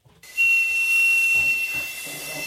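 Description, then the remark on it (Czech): A badly damaged pipe of the church organ being restored for the Church of the Assumption in Konojedy is blown, giving a breathy, hissing rush of air with a thin, steady high whistle inside it. It starts abruptly and holds for a couple of seconds. “právě zapískal na jednu opravdu pohmožděnou píšťalu.”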